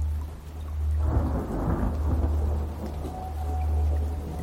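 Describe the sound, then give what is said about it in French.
Large raindrops begin to patter down on forest leaves after a second of quiet, following an oppressive, torrid, airless day; a steady spatter over a deep, continuous rumble like thunder, with no voices. “des grosses gouttes de pluie commencent à tomber après un accablant jour torride et sans air.”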